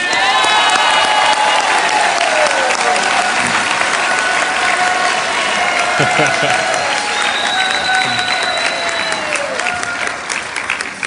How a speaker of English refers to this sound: And I'm actually hoping, if you don't mind, that we can give them a round of applause.